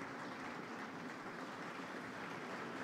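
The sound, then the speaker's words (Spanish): A concert audience at the Teatro Solís in Montevideo applauds steadily as Italian violinist Andrea Ciccalese returns to the stage after soloing in Glazunov's Concerto in A minor, Op. 82: a dense wash of many hands clapping at an even level with no pauses and no voices. “Ingresa nuevamente al escenario, ampliamente aplaudido por su gran trabajo en el concierto en la menor opus 82 de Alexander Glazunov, donde intervino como solista.”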